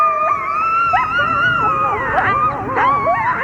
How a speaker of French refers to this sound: Savez-vous à quoi ça ressemble le cri d'un coyote ? Eh bien, à ça.